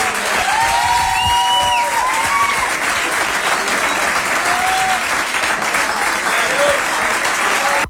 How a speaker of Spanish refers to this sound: Un aplauso grande para Garo, más fuerte aún.